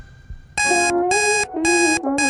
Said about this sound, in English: the song that was playing on my smart speaker at the same time as my alarm going off this morning